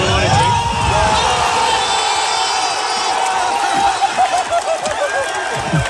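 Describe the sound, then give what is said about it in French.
A huge stadium crowd roars and cheers in celebration of goals, including a free kick, at a World Cup match of the United States team, a dense, sustained wall of shouting voices with a few high whoops, surging in rippling bursts toward the end. “Et puis forcément, quand il y a eu les buts, bah ça a fait beaucoup de bruit.”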